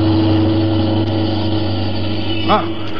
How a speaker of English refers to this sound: look at that car coming up the street, would you? Hey, Nick, watch out. That car is headed right at you.